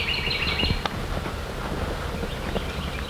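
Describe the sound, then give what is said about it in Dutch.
High, thin calls of birds called rainbow birds chirp in quick bursts at the start, then fade behind steady wind rumble and scattered soft knocks, in the middle of an open field. “Was ist das für ein Vögel? Regenbogenvögel.”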